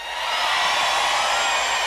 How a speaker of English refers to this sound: How about way in the back on the hill? Let me hear you scream! Oh, come on, back there, you can do better. Scream, 3, 2, 1!